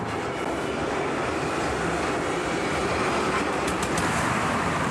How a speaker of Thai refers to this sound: เขาจึงต้องอยู่ในที่ที่ไกลออกไปทุกวันต้องรีบมาให้ทันรถไฟใต้ดินขบวนแรก